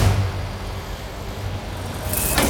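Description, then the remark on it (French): A garbage truck's engine and compactor drone heavily as it compacts trash, a deep steady rumble with a low hum, ending in a sudden sharp hiss of released air. “C'est vrai, moi, quand j'avais ton âge, je me disais que c'était terrifiant, ce camion qui mangeait ce qu'on lui jetait.”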